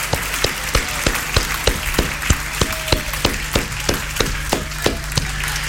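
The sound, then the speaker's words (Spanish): An audience stands and applauds the Lord in gratitude and joy, a dense wash of many hands clapping, with a few louder claps standing out at a regular, nearly rhythmic pace over a continuous low hum. “Póngase de pie y déle un fuerte aplauso al Señor de gratitud, de alegría.”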